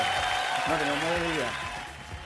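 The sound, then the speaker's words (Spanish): An audience applauds in a steady, dense patter of clapping, while a voice calls out briefly over it partway through before the clapping thins toward the end; the applause greets an announcement of a Copec discount of 100 pesos per litre on gasoline in Isla de Maipo. “¡Fuerte el aplauso!”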